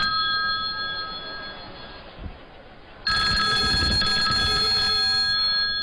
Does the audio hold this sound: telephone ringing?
yes